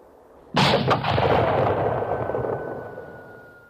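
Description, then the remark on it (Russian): A ship's harpoon cannon, fired by the navigator at a sperm whale, fires once, a sudden loud boom followed by a long rumbling decay that fades over a few seconds, with no voices. “Стреляй, а то уйдет твоя свинка.”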